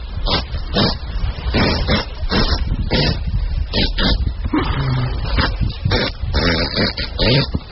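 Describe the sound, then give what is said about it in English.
A very gassy horse passes gas in one long, loud, sputtering fart timed at 9.4 seconds: rapid flapping bursts for several seconds, with a brief droning tonal stretch partway through. “It was a woman who owned a horse, and the horse was very gassy.”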